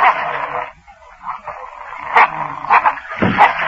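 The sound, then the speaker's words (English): Several dogs bark and yelp together in a dense, overlapping chorus, with sharp, loud bursts standing out near the end. The barking continues without pause. “But be sure you use it on the dogs, Colonel.”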